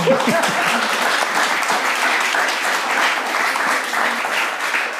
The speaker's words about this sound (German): ja, gerne Applaus.